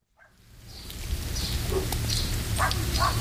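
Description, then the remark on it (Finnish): A few short barks from dogs in Kursu village in Salla, Finland, rising over a steady wash of outdoor noise like rain, arriving in scattered bursts toward the end. “Koirat haukkuu, kun Viikon kylä saapuu Sallaan ja siellä Kursun kylään.”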